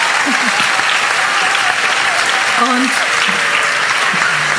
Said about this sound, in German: Einen Applaus für die Maya, Kinder. Danke.